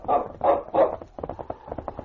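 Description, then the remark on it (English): A dog, King, barks three times in quick succession, loud and full, then trails off into a flurry of quieter, rapid yips and whines, at the end of a trail by the White River waterfront. “Quiet, King. Quiet, fella.”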